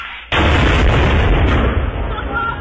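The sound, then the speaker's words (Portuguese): A grenade explosion hits with a sudden, loud bang, followed by a dense, roaring wash of rumble and debris noise that stays strong and fades only slightly over the next two seconds. “É granada, porra!”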